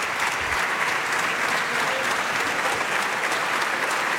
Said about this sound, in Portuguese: Os aplausos são do PSD. Aplaudir as respostas de Luís Montenegro a André Ventura.